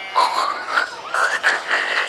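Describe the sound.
A voice imitates a pig with a run of nasal, squealing grunts, about four or five wavering bursts over two seconds, fairly loud and with no other talk.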